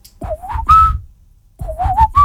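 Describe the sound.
A person whistles the opening of a song, two short melodic phrases of rising, gliding notes separated by a brief pause, with no talking.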